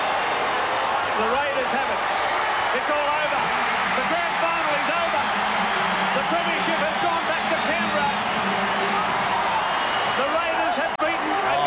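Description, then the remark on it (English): A huge stadium crowd at the 1990 football Grand Final, Raiders 18, Penrith 14, roars and cheers without pause for about twelve seconds, a dense, loud wash of voices with occasional sharper shouts and whoops rising above it. “Just listen to that crowd.”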